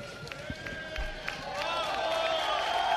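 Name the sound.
crowd ovation and applause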